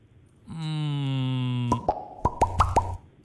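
A steady, buzzing harmonic tone gives way to six quick bubble pops, sharp and bright, arriving in an uneven rhythm over about a second and a half. No one speaks.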